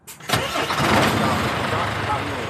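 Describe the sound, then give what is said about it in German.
A heavy truck tractor's engine cranks and catches, settling into a loud, steady rumbling idle that continues to the end, as it starts up for departure to Busto Arsizio. “Abfahrt nach Busto Arsizio.”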